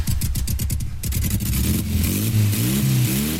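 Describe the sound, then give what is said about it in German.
A motorcycle engine revs loudly at a weekend women's bikers' meet in Schwalmstadt, first in quick choppy bursts, then rising into a sustained, climbing whine of acceleration with no voices. “Hier trifft sich die Bikerinnen-Szene am Wochenende zum Motorradfahren und Feiern.”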